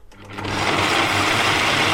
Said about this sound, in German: Wow, ganz schön laut dieser Mixer hier.